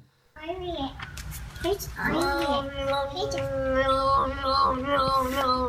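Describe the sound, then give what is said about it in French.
A cat named Peanut yowls in a long, warbling, yodel-like cry, its voice sliding up and down in pitch through several sustained, loud, tuneful notes with no talking. “Un chat yodeleur.”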